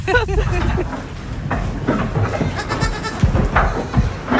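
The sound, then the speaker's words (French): Several goats bleat in a busy, overlapping chorus, their wavering cries rising and falling against a steady background rumble, with some indistinct human voice mixed in. “Ces chèvres, elles font leur vie, elles sont assez indépendantes chez vous, elles vivent finalement leur vie de chèvre.”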